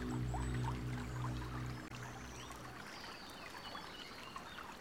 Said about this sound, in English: And there is the gentle sound of water.